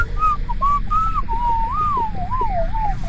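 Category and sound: human body sound, human whistling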